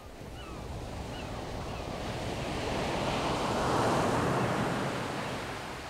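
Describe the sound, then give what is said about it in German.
Steady ocean surf rolls in, a broad wash of breaking waves that swells louder toward the middle before easing slightly, with wind rumbling against the microphone throughout. “Denn ich mag dieses Herbe, das Raue, das salzige Graue, das Wasser, den Nebel, den prasselnden Regen, die wogenden Meere, die drohenden Gebärden des Wetters, wenn Wolkenturmhöhen den Himmel beschatten.”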